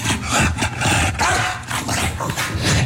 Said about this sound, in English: Like, it barks and it flaps. That's a splash. Hey.